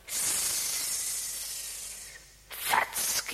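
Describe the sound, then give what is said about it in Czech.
A grass snake hisses in one long, steady breathy hiss lasting about two seconds, fading slightly, followed by a few shorter, rougher hissing bursts. “Zeptáme se užovky Bětky.”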